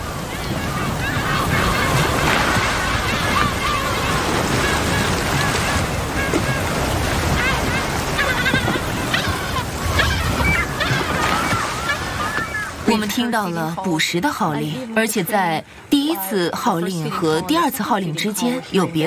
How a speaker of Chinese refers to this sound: 气泡网捕猎过程中的大部分叫声好像都是相同的几头大翅鲸发出的，它们会用叫声组织同伴驱赶猎物到海面。